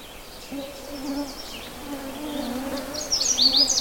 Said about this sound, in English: That's a little in the bushes here, and I can't get much closer. It's a Canada warbler.